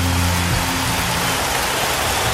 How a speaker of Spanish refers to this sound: Ahora dele un aplauso fuerte al Rey de Reyes.